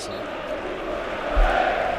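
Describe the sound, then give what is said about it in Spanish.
A large crowd of Rayo football fans in a stadium roars and chants the Rayo's grito together in a dense, steady wash of voices, swelling briefly louder partway through before holding at a constant, loud level. “Y ahí está el grito.”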